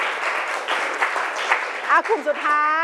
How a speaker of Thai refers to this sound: ปรบมือหน่อยค่ะปรบมือสองกลุ่มนี้ก่อน